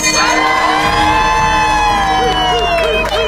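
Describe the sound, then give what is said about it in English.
A bell, rung three times by a cancer survivor, rings with a bright, sustained metallic tone that lingers and slowly fades, while a crowd cheers and voices rise loudly behind it. “Today is your day, so ring this bell 3 times well.”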